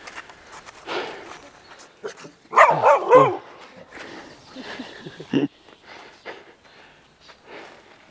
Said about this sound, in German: Ich muss ganz ehrlich sagen, das hat mir gerade ein bisschen Angst gemacht, wie Ihr Hund sich hier so, wie er so ankam.